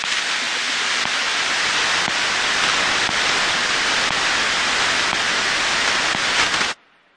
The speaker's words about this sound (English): To everyone and everything other than the computers receiving the instructions, data sounds like nothing. Maybe some static, just blips between computers.